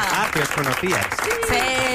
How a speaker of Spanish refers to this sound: ¡Un aplauso!